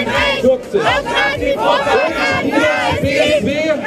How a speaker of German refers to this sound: Der Landtag in Sachsen-Anhalt hat heute zum ersten Mal in Deutschland einen AfD-Politiker zum Landtagspräsidenten gewählt. Tobias Rausch heißt er. Vor dem Landtag protestierten heute hunderte Menschen dagegen.